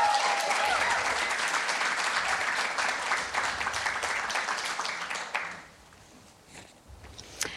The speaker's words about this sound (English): So I'd like to thank you, and just another warm welcome and round of applause to our wonderful panellists.